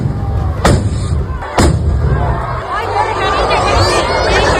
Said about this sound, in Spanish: Pues era el momento en que las mechas de varios cohetes que se iban a lanzar se han prendido con las chispas de los 2 primeros y han estallado en el balcón del ayuntamiento y sobre la multitud que se congregaba en la plaza.